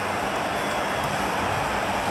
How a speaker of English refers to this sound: And the crowd erupts. The cheer squad at the city end waves their flags.